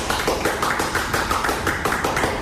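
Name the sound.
audience applauding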